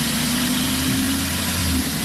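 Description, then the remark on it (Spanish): The combustion engine of an older, non-electric car, more than ten years old, revs with a loud, steady drone and a low throbbing rumble that shifts slightly near the end as the accelerator is pressed hard. No voices are heard. “Es un coche, pero esto no es un coche eléctrico.”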